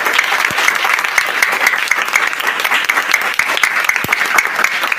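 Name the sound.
round of applause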